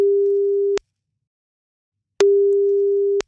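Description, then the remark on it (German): A telephone ringback tone heard while a call connects: two steady, loud single-pitch beeps about a second long, separated by a pause of roughly a second and a half, with no voices. “Jetzt rufen wir Jan Ole einmal an. Hoffentlich ist er am Telefon gleich.”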